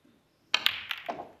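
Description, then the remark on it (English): A snooker cue ball, played with a lot of pace in a deciding frame, cracks sharply into the pack of reds, followed by a quick scatter of lighter clicks as the balls knock together, clear with no talking. “well, he played it with a lot of pace because it wasn't straightforward, but he played it beautifully again.”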